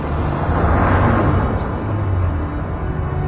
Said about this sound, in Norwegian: Duren fra bilmotoren ble fjernere og fjernere, og til slutt var bilen bare en svart prikk som gled gjennom gatene.